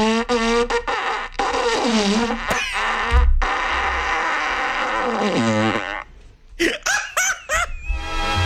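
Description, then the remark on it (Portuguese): A squeaky, strained fart-like noise from a vuvuzela blares in a run of wobbling, pitch-bending bursts, loud, breaking into short sputtering toots near the end. “Você tá soltando um pum, aquele pumzinho apertado, sabe?”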